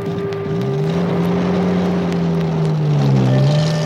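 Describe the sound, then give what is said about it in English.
An Indian Army officer's Jeep, driven by a soldier, drones steadily as it drives through the countryside, its low hum dipping and rising in pitch as it shifts speed, loud with rushing wind noise and no voices. “Since he was an officer, he had a special car called a Jeep and a soldier to drive it for him.”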